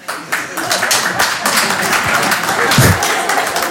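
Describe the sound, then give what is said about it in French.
An audience claps steadily for a few seconds, a dense patter of many hands at moderate volume, with some indistinct voices mixed in beneath the applause, answering a performer's call to applaud if they would be up for going to war to defend the country. “Par applaudissement, qui serait chaud pour y aller, là?”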